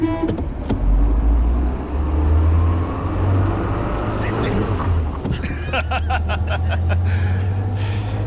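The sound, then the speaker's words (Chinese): A steady, rumbling car engine drones throughout as a commander drives the car toward the Yangdingli weather station. The engine is loud and continuous, with a brief rattling burst of mechanical noise near the end. “上车吧， 我来开。”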